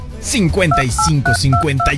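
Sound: telephone keypad dialing tones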